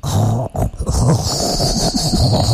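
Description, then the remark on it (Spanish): A voice imitates a stovetop coffee maker gurgling, making a loud, continuous, rough bubbling growl low in pitch that pulses unevenly for a couple of seconds with no words. “No, así suena la greca.”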